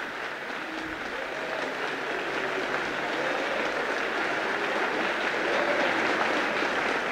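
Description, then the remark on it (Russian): Thunderous applause from a large audience fills a hall, a dense, steady roar of countless clapping hands that holds at full volume throughout without easing. “С оглушительным шумом сыпались хлопки.”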